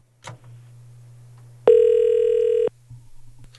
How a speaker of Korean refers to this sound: 어떤 무교신지 한번 전화 연결해 보겠습니다.